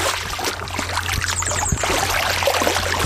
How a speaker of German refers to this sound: ich höre das doch schon wieder plätschern. Bist du immer noch im Wasser?